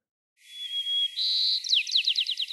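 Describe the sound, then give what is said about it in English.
A sparrow living in the middle of a city, recorded in 1969, sings alone at a lower pitch: a long, steady whistled note, then a buzzy trill, ending in a clear run of quick, evenly spaced downward chirps. “In 1969, the sparrows sang at a lower pitch.”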